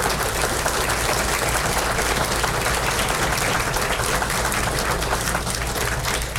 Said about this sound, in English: Can we have a round of applause for all our veterans in the audience?